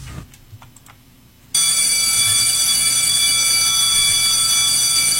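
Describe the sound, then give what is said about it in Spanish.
A school bell bursts into loud, continuous ringing after a second and a half of near-silence with faint ticking, then holds a steady, metallic, high-pitched clang to the end. “¡Ya dieron el timbre!”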